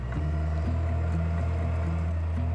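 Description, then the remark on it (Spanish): A tractor engine drones steadily as it uproots grapevines in a vineyard, a loud low rumble whose pitch rises and dips slightly as it works, continuous throughout with no voices. “Si el terreno no es demasiado empinado, puede hacerse con un tractor.”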